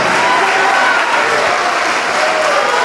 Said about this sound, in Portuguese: Isso, venha, venha. Vem, olha, estão chegando, vamos aplaudir mais.